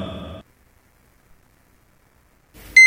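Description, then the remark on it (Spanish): After a brief breathy sigh and a long silence, a loud, shrill electronic alarm clock beep suddenly starts right at the end, piercing, going off at 6 in the morning. “6 de la mañana. Suena el despertador y te preparas para iniciar tu día.”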